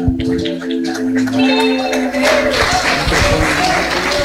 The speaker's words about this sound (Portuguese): aplausinho forte para Jesus.